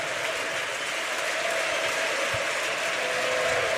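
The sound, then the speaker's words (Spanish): A large football stadium crowd applauds steadily, giving an ovation to substituted players Corredera, Otero and Pablo Vázquez during a triple substitution. It is a dense, continuous wash of clapping and cheering, sustained at an even level throughout with no distinct voices standing out. “Sí, sí, Otero y Pablo también, porque los aplausos también en la ovación fue tremenda, ¿no?”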